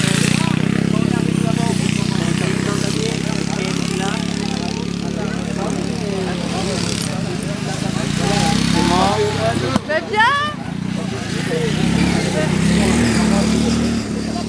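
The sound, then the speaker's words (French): Engines of modified, customized lawn tractors racing drone steadily throughout, a loud mechanical hum with rising and falling revs, while voices talk over the noise. “Est-ce que vous connaissiez déjà les courses de tracteurs tondeuses ?”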